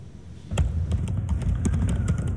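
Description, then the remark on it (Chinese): Irregular clicks of an office worker's fingers typing on a computer keyboard, a quick run of keystrokes starting after a brief pause, over a steady low room hum with no one speaking. “双手忙着敲键盘，上班族一坐就将近8小时，长期下来不少毛病找上门。”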